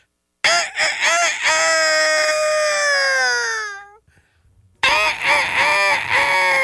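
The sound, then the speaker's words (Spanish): A man's voice imitates a rooster crowing, one long strained crow that rises and trails off, followed after a brief pause by a second loud crow-like burst. “Pues haz de cuenta que este gallo era tan flojo que cantaba a las 11 de la mañana”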